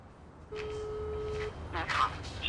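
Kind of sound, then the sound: signal or alarm, phone call dialing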